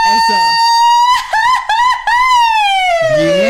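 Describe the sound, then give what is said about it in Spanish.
A woman lets out a loud Mexican grito, a long, piercing high-pitched cry that wavers and breaks into yelps midway before trailing down, with brief voices at the start and end. “El grito de los sustos.”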